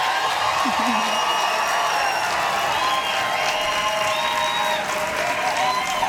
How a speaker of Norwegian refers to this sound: Gi en stor applaus til Kobbe Frokost, Karbon og Teddy!